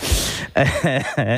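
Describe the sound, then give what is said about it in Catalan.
A fairly loud fit of coughing after laughing: a rough, breathy first cough followed by two quick voiced, throaty coughs in a short burst. “Em fa riure, llavors, tuso.”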